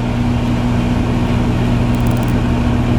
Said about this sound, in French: Ok, voilà, là vraiment vous écoutez la radio, vous avez passé une journée de merde, là vous écoutez un micro-ondes qui tourne.